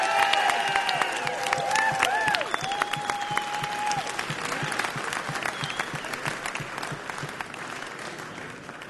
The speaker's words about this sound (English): A big round of applause one more time